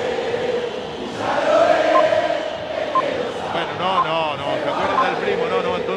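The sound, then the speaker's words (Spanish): A stadium crowd at La Bombonera roars during a Boca match against O'Higgins in a steady, dense wash of voices, swelling after the first second, with rising and falling chanting that carries through to the end. “Grita la Bombonera, escuchala.”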